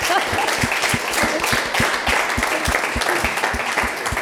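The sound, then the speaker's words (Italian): An audience applauds steadily, a dense wash of many hands clapping at a constant, fairly loud level for several seconds, with no voices speaking over it. “Allora applauso a questa simpatia.”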